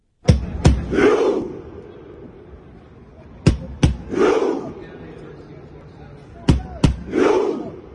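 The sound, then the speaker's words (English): Norway's football supporters in a stadium grandstand perform a Viking rowing chant, pretending to row a Viking longship: two sharp, loud beats followed by a deep, massed shout, repeated three times in a slow, steady rhythm about every three seconds. “These are Norway's supporters. And if you haven't seen it in action, the whole grandstand is pretending they are rowing a Viking longship.”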